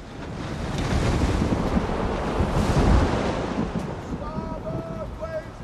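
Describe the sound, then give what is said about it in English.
A steady, wind-blown rush of ocean waves at sea in the Caribbean, heard aboard the sailing ship Hispaniola, swelling toward the middle, with a few short, thin squealing tones appearing near the end; no one speaks. “And when I woke, we were surrounded by nothing but the endless blue-green of the Caribbean.”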